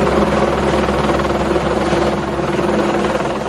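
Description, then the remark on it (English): A helicopter, one of three in the air during flash-flood rescue efforts in Texas, drones loudly and steadily overhead, its rotor thrum filling the whole stretch with a constant mechanical roar and no other sounds cutting through. “Three choppers in the air.”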